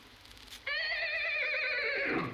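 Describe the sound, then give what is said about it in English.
A single loud horse whinny bursts in abruptly, a wavering, quivering neigh that holds for well over a second before dropping away at the end, with no voices present. “Soon he came to a horse.”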